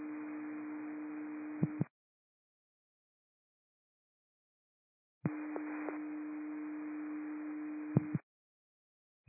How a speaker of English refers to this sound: I'm going to be sending cancellation tones. The alarm company call back requesting a cancellation. It's a false alarm. They are working on the system.